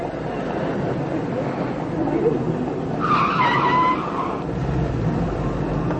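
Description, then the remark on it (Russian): A taxi's tires squeal sharply in a short skid midway through, over a steady rumble of engine and road noise, moderately loud. “Я могла, конечно, поехать автобусом или в метро, но я схватила такси.”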